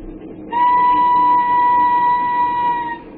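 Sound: train running on rails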